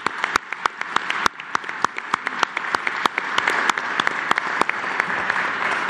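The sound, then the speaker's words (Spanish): A crowd applauds steadily, dense clapping with a few sharp, louder claps standing out in a quick irregular rhythm, holding a fairly even level throughout with no talking. “Nos ayudó a todos para llegar a este momento y quiero pedirles a todos un aplauso para que nos escuchen.”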